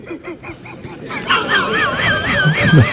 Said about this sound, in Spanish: era Calamón de la Isla. Sí, porque tenía un canto parecido al del pájaro. Tiene un canto, pájaro.